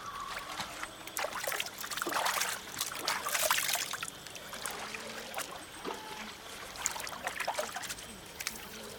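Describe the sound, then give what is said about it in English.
Water trickles and splashes in an uneven, continuous flow from a spike hammered into a tree to collect water before dawn, with small drips and gurgles rising and falling over a quiet background. No one speaks. “Peeta hammers the spike into a tree and collects water”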